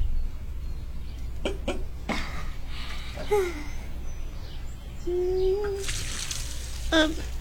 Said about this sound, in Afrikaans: Ja, wag julle nou net dat ek die plantjies kan water gee.